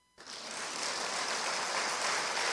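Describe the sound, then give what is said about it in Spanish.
A crowd breaks into applause that starts abruptly and holds steady, a dense, bright wash of many hands clapping with no voices over it. “¿Se permite aplaudir?”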